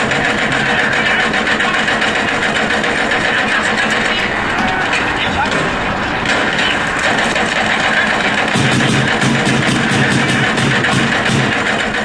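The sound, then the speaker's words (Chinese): Loud, continuous renovation construction noise, apparently coming from an office, a steady mechanical grinding and whirring like a power tool, with rapid rhythmic pulsing that persists for the whole stretch without pause. “哪装修啊？ 好像是你办公室传出来的。”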